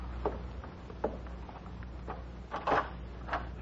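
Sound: door being opened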